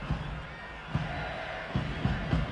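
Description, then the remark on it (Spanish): A stadium crowd at a Xolos versus León football match shouts at player Gilberto Mora in a steady, noisy roar, with low rhythmic bursts of voices rising every second or so. “Oh, Gilberto Mora, empiezan a gritarle a Gil Mora ya.”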